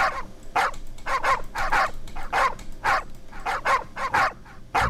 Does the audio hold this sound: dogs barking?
yes